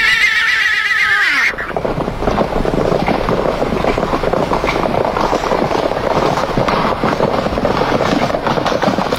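A horse lets out a loud, quavering whinny that drops in pitch over about a second and a half, then gives way to a steady, dense rumble of noise.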